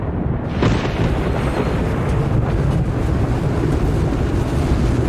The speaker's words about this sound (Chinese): 龙卷风开始发威了，冰雹砸进了车里。啊啊！千万别把车窗砸碎了。一些棒球大小的冰雹砸进了车里，被这么大的冰雹击中可能会让你丧命。